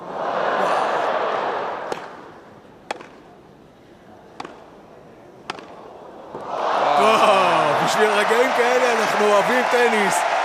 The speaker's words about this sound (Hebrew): אלכסנדר בובליק ברגע גדול בטורניר הזה מחזיר כדור מאחורי הגב בין הרגליים ולוקח את הנקודה באמת הקהל נותן לו בכפיים בהחלט איזה יופי